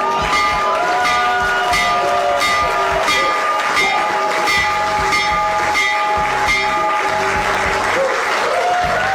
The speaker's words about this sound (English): All right, that was this morning in the Oval Office, President Donald Trump ringing the bell for the New York Stock Exchange and the NASDAQ to open up trading as part of his event to bring attention to the excellent idea called Trump Accounts.